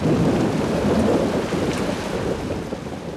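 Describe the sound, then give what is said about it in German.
A thunderstorm at the festival in Aix-en-Provence, France, with steady, heavy rain hissing throughout and a deep, rolling thunder rumble underneath, loud and continuous for the whole stretch, with no voices. “Also immer Sonnenhut und Regenschirm einpacken.”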